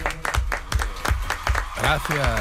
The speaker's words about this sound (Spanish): Bueno, quien no ha querido perderse el estreno de esta nueva temporada de Radio Ficción es Sergio del Molino. Por favor, un fuerte aplauso para Sergio.